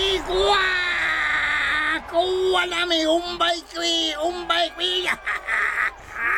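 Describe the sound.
A man acting as a lasso hunter lets out a loud, imitated Native American war whoop, a long sustained yell that breaks into rapid warbling bursts, prominent over the full few seconds.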